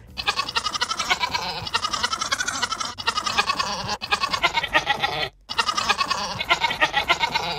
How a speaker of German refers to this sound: Wir hören noch mal zusammen rein in das Lied von Ziege Resi.